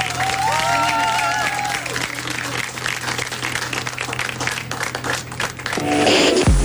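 A large audience applauds loudly and steadily, with some cheering and a whistle-like tone early on, the dense clapping continuing before a sudden tonal sound cuts in near the end.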